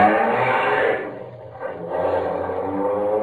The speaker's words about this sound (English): Come on, faster, faster. Try and get around this car.